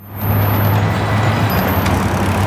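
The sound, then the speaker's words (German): Dense road traffic rumbles steadily at a busy eight-lane intersection in eastern Beijing, with heavy low engine drone from cars and trucks and a brief hiss like an air brake, loud with no voices. “Eine Straßenkreuzung im Osten Pekings. Auf 8 Spuren überschneidet sich der Verkehr.”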